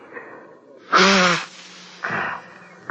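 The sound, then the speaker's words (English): A man who has been crying by a goldfish pond blows his nose into a borrowed handkerchief: a loud, honking blow with a buzzy tone, then a shorter breathy blow and a quick final snuffle. No one speaks. “I loaned you my one good handkerchief this morning. I got it here in my pocket. Be my guest. Blow your nose.”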